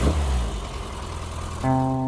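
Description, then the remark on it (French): A 995 cc A-series racing engine rumbles roughly at a low, uneven idle, then revs up sharply near the end into a loud, steady, higher-pitched snarl. “Écoutez cette boule de nerf de 995 cm3 des moteurs série A. Un bijou de moteur de course.”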